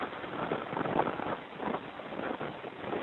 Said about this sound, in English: It's windy, but and the temperature, I think, just dropped about 15 degrees.